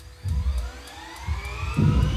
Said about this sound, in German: Let's go and run it. Beim Test wird die Turbopumpe von einem Hubschraubermotor angetrieben.